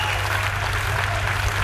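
Steady, dense applause from a concert audience at a live music performance at the Spring Festival, a continuous wash of many hands clapping at an even level throughout, with no voices standing out.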